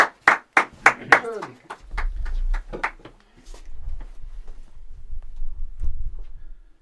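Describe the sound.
Brief applause: a quick run of sharp, loud hand claps that thin out and fade after a few seconds, leaving a low rumble and faint murmuring voices underneath.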